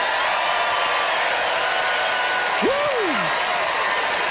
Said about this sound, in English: All right, it's time to vote by applause. How many of you, like Deborah, rule in favor of breaking the rules? Deborah Kimmett.